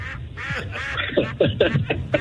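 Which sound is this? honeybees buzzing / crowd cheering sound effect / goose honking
goose honking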